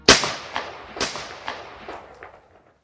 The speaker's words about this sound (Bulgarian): Когато вторият мощен взрив разтърси Гюлбаши, часовникът показваше 2 часа и 20 минути. Превратаджиите използваха завзети изтребители, за да нанесат удар по дирекцията на специалните полицейски части в Гюлбаши.